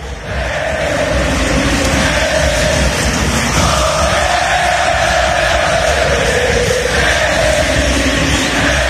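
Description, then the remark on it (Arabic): A huge stadium crowd of Argentine fans roars and cheers continuously, saluting Lionel Messi in his last match played in Argentina, a dense, loud wash of voices with rising chants and shouts swelling throughout, no single voice standing out. “تحية الجماهير الأرجنتينية ليونيل ميسي في آخر مباراة خاضها في الأرجنتين.”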